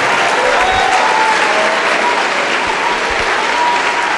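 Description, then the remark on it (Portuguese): A large crowd at a religious service applauds together as more people arrive, a dense, steady wash of clapping that stays loud and even from start to finish without breaking. “Tá chegando mais, vamos aplaudir.”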